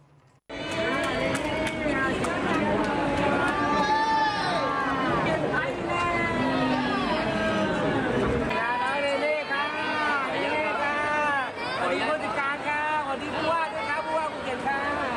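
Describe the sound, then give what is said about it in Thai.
A loud, dense crowd of excited voices shouts and calls out all at once at Phuket airport at night, welcoming a young America's Got Talent contestant back to Thailand, a continuous welcoming clamour that carries on for about fourteen seconds. “อบอุ่นไหมล่ะเซเลบคนดังท่านหนึ่งเลยจริง ๆเห็นไหมล่ะคนแบบว่านี่กำลังใจหนาแน่นมากเลย ใช่ค่ะนี่คือภาพที่สนามบินภูเก็ตเมื่อคืนนี้นะคุณผู้ชม”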